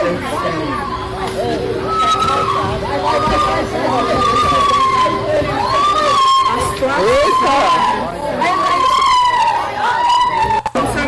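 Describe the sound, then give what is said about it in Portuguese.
A man, the dog's owner, screams in pain as he comes out of his house bloodied and crawling on all fours after neighbours and police open the door, in repeated high, wavering yelps that sound almost like a small dog crying, heard over a dense background of crowd chatter and a steady tone. “Olha como ele grita. Parece um cachorrinho gritando. É o homem gritando de dor.”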